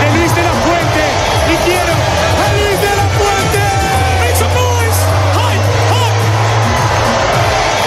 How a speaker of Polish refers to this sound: Na ulicach Madrytu trwa wielka feta po zdobyciu przez Hiszpanię tytułu Mistrza Świata. Złotych medalistów mundialu jadących odkrytym autobusem witają setki tysięcy kibiców.